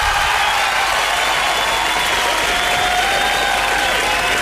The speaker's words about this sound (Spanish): Un aplauso, chiquillo.